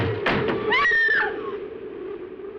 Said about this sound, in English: A shutter blew open.